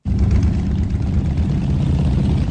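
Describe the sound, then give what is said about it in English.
A dense, continuous rumble of thousands of motorbike engines running together, loud and steady with a low throbbing drone and no gaps, as the gathered motorbikes idle and rev on the edge of Pakistan's border with Iran. “On the edge of Pakistan's border with Iran, thousands of motorbikes are gathered.”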